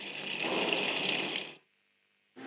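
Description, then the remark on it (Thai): Water gushes steadily from a faucet, opened after the water valve to test newly laid water pipes, for about a second and a half, then cuts off abruptly, with silence before the flow starts up again briefly at the end. “เสร็จเรียบร้อยแล้วค่ะเราจะทดลองเปิดน้ำกันดูนะคะเปิดวาล์วน้ำนะคะแล้วก็เปิดก๊อกค่ะใช้งานได้ตามปกติแล้วนะคะ”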